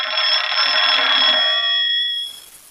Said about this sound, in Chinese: 哎，哦，团长电话。